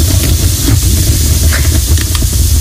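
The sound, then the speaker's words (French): A fire sound effect: steady, loud hissing of flames with a low rumbling roar, broken by faint scattered crackles, continuing without pause and with no voices. “Tu veux pas mettre une petite bûche là? Ça pétille pas.”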